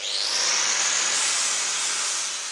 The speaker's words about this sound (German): Los geht's in einer Werkstatt in Potsdam.